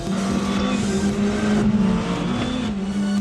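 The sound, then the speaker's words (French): The turbocharged engine of a cabriolet sports car, with a maximum of nearly 8000 rpm, roars continuously at high revs, its loud droning tone holding mostly steady with slight dips and rises in pitch, with no one speaking. “Pour un moteur turbo, c'est quand même une plage de régime assez élevée.”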